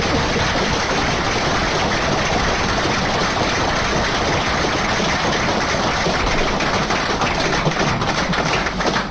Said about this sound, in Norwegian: Så en stor applaus på det, for det er kjempelig.